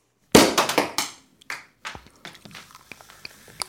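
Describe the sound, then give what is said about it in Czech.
A loud, sharp pop like a cork bursting from a bottle as Krtek (the Little Mole), with a hare and a hedgehog, pulls out a tight cork with a corkscrew stuck in it, followed by a quick flurry of cracking snaps that thin out into scattered faint ticks. “Konečně jsme láhev otevřeli!”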